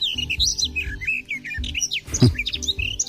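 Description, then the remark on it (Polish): A garden warbler sings a fast, continuous, bubbling warble of varied notes, fairly clear, over a soft low background rumble. “A na trzecim głos gajówki.”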